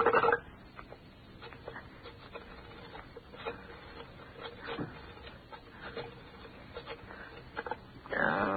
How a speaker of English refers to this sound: No, I can't dial this thing. All right, give it to me.